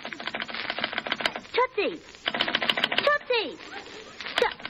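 A telephone shorts out across its wires: a crackling electrical short circuit sputters in rapid, harsh clicking bursts, broken by a brief pause, with warbling tones that swoop down in pitch twice amid the fizzing noise.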